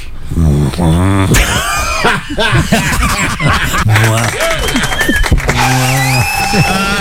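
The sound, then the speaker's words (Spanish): Someone loudly imitates a cow in heat, bellowing a string of drawn-out, wavering moos, while other voices chuckle and chatter around the performance. “La vaca en celo.”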